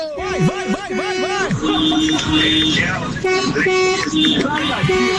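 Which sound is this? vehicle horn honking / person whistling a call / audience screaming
vehicle horn honking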